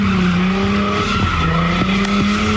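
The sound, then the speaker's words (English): A car circles an intersection in East Oakland: its tires squeal in a sustained, loud skid as the engine roars, the screech wavering steadily as it spins in tight circles, with a few sharp pops mixed in as fireworks are shot out of its window. “Oakland, a car circling this intersection, shooting fireworks out of the window.”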